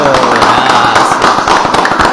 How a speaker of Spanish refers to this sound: ¡Fuerte el aplauso!